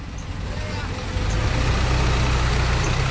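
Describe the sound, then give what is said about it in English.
A large diesel bus engine rumbles, its low drone swelling and growing louder after about a second as the bus pulls away, with faint background noise throughout. “All right, just going to figure out how to get off this bus. Slam it shut.”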